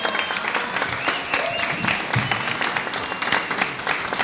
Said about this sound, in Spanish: Sueño cumplido para los muchachos. ¡Fuerte el aplauso! ¿No?